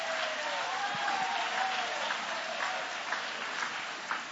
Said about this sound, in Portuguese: Oh, meus irmãos, se você tem Jesus que tem suprido as necessidades da sua alma, joga a mão para cima e aplaude a Ele com uma alegria.